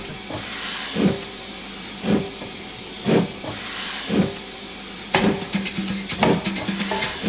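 A steam locomotive hisses steadily while loud chuffs pulse about once a second, followed by a burst of sharp metallic clanks and rattling near the end. No voices.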